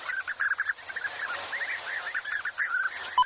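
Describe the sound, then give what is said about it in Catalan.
European bee-eater (Merops apiaster) song: a flock of liquid, rolling trills and chirps repeating in quick succession, moderately loud and continuous, with calls overlapping from several birds and no voices. “En aquest capítol heu escoltat el cant d'aquests ocells. Abellerol, Merops apiaster.”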